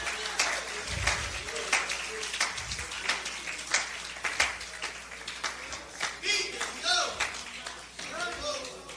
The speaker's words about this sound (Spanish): Dale un aplauso a Cristo, que Él se lo merece. El aplauso sea más fuerte, que Él se lo merece. El aplauso no es para mí, el aplauso es para Cristo. Él se lo merece.